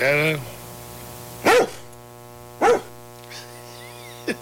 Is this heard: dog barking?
yes